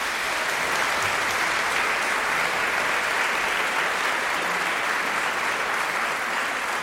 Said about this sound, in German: Das war Scendi dal Paradiso von Luca Marenzio. Einen großen Applaus für den Rundfunkchor Berlin und für Chefdirigent Gijs Lennerts. Danke.